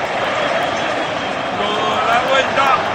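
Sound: stadium crowd cheering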